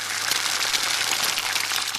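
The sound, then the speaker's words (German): A steady, loud sizzle of a raw egg poured into a hot pan, its water evaporating as a little steam rises, a dense crackling hiss that holds constant throughout with no voices. “Erstmal steigt ein bisschen Dampf auf und es zischt. Das ist das Wasser, was verdampft.”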